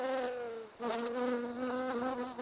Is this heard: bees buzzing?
yes